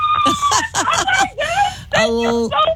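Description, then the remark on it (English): Excited, high-pitched shrieking and squealing from a delighted contest winner who cashed in with radio station WYNK's 9K payday, loud, coming in a few breathless bursts with brief gaps between them. “Man, we had another big week of winning with folks who cashed in with our 9K payday. A lot of screaming.”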